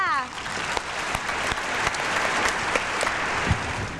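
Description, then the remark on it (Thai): An audience at a spelling contest applauds steadily for about four seconds, cheering on contestant number 7: a dense patter of many hands with a few sharper claps standing out, after a voice trails off at the very start. “ใครจะเป็นคนต่อไปเนาะหมายเลขมาค่ะคนต่อไปก็คือหมายเลขเชียร์เพื่อนด้วยหมายเลข7ค่ะ”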